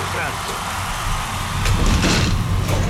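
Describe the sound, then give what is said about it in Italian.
A wheeled chair rolls across the floor with a steady, low rumbling drone. A few scraping knocks come near the middle, and the sound swells slightly louder toward the end. “Cos'è questo rumore? Cosa è successo? Lei ha spostato una sedia?”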